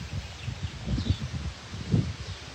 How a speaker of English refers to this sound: So, all right, I'm gonna head back inside. It's starting to kind of pick up and get a little windy. So head back in.